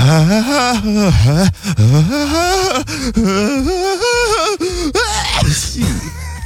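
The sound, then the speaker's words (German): A dramatic, operatic sneeze of the 'opera singer' type, which always builds its sneeze up big: a long, warbling sung build-up with rising and falling pitch and sharp gasping breaths, ending in a loud, breathy, theatrical sneeze burst. “Hier zum Beispiel, das wäre die Spezies Opernsänger. Die bauen ihr Nieser quasi immer groß auf.”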